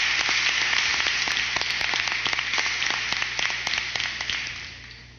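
A crowd applauds steadily, a dense wash of many hands clapping at once, fairly loud and close, gradually tapering off over several seconds with no one speaking.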